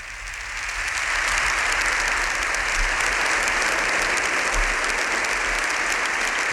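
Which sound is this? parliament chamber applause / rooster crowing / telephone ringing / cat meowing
parliament chamber applause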